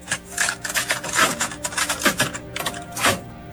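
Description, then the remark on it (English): Plastic clatter of a cassette tape being slid into a player, with a series of sharp clicks and rattles as the door snaps shut. No voices. “Ray, what is it? Cassette tape.”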